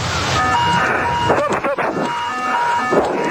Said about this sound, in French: Hier, un Boeing 777 comme celui-ci. La météo n'était pas très favorable. L'avion doit se poser avec une visibilité de 100 mètres et avec l'aide des instruments, quand dans le cockpit, les alarmes retentissent.